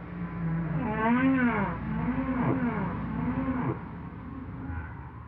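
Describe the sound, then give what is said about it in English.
Deep, mournful humpback whale song in the ocean, used to communicate between pods, with long rising and falling moans and a few higher sweeping cries overlapping, sustained and resonant over a continuous low rumble. “So humpback whale song is a means of communication, and it can move between different pods of humpback whales, which can be, you know, miles and miles apart.”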